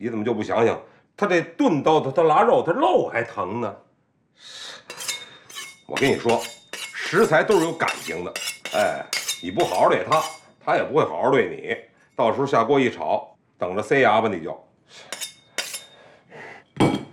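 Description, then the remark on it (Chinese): Repeated metallic scraping strokes of a dull kitchen knife being sharpened, fairly sharp, coming in short bursts between and under people talking. “不是你这挺好的，别磨了，到时候那太快了，拉手。”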